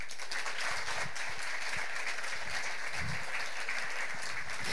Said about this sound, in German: Das ist die ultimative 10 und das ist die 1. Auf dieser Skala bewegen wir uns. Wie klingt ein 3-Punkte-Applaus?